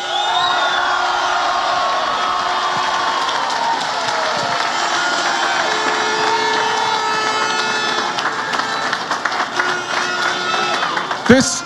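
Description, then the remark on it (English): A large crowd of Mayo football supporters cheers and claps steadily for several seconds to acknowledge the team after a victory, a loud continuous roar of voices with dense applause underneath, fading slightly near the end. “Can we give them a right cheer this time, lads?”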